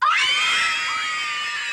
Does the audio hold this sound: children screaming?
yes